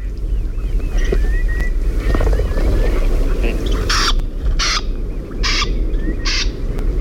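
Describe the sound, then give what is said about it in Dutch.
A flushed wading bird gives four harsh, rasping calls in quick succession, preceded by faint thin chirps, all over a steady low rumble of wind and engine noise. “Nou, dit is het geluidje als hij echt wegvliegt, zeg maar.”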